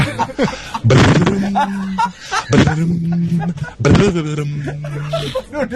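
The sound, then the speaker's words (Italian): A caller to Disco Radio's morning show imitates a harp with the mouth in three loud bursts, each starting with a sharp breathy attack and settling into a sustained, slightly wavering low tone. “Ma non fa mai così l'arpa. È difficile farla con la bocca, però.”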